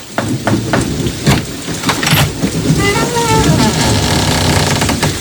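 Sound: heavy rain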